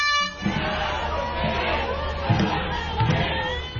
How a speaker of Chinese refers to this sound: 一年一度的端午节，香港多区昨日都有举行龙舟竞渡比赛，参赛队伍随着鼓声和欢呼声乘风破浪。